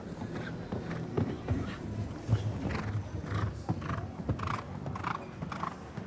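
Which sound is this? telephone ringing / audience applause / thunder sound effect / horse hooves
horse hooves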